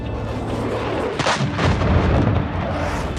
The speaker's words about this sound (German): Kampfjets donnern über Istanbul und die Hauptstadt Ankara. Es waren F-16-Jets, die extrem tief flogen und explosionsartige Geräusche verursachten.